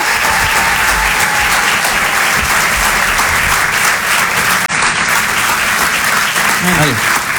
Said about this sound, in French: Je vous demande de les applaudir très très fort, s'il vous plaît.